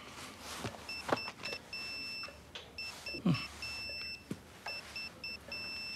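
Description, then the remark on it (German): A health monitor tracking blood pressure, heart rate and oxygen saturation sounds its alarm on a tablet, a steady run of short electronic two-tone bleeps with brief gaps, clear over faint background rustling and a few soft knocks. “Und wenn die Werte zu hoch sind, kriege ich einen Alarm auf mein Tablet.”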